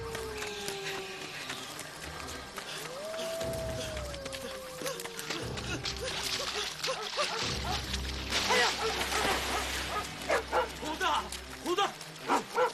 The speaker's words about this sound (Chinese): 狼！